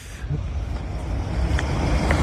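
Steady, loud low rumble of heavy traffic rolling past, a continuous dense roar with no pauses and no voices.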